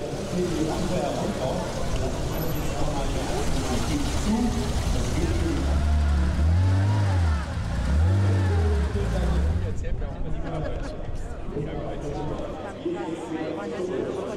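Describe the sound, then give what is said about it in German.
A vintage car engine revs up twice in quick succession at a classic car rally, loud, its pitch rising and falling, with people talking and general outdoor bustle throughout. “Wir haben Mercedes, Volkswagen, Porsche, wir haben auch italienische Fahrzeuge”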